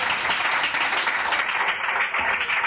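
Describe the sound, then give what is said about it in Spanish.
A church audience applauding the Lord together, a dense, steady wash of many hands clapping at once, sustained and fairly loud throughout with no break and no voices standing out. “Otro aplauso al Señor, hermano.”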